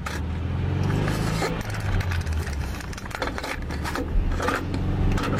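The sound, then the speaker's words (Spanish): A car engine drones loudly and steadily as the vehicle drives on a car trip, its low rumble shifting in pitch, with scattered rattles and clicks over the top. “todo comienza con un viaje en coche.”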